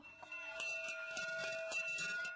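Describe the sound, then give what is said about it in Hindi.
A school bell rings steadily for a couple of seconds, a bright, sustained metallic clang with a rapid rattling pulse, with no voices. “School की घंटी सुनकर वो बस्ता थामे हुए दौड़ पड़ा।”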